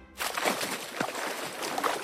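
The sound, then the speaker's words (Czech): Water splashes and sloshes continuously for about two seconds as a big, fat pig wallows in it, a fairly loud churning with a few brighter splashy bursts, and no voices. “Slyšíte to? To je voda!”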